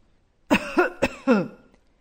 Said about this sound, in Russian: Сначала она услышала старческий кашель.